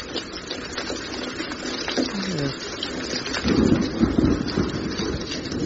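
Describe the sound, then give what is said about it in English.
Steady rain patters and hisses without a break, dense and fairly loud, with a low rumbling swell in the middle and a brief falling tone beneath it. “What's that noise? It's raining.”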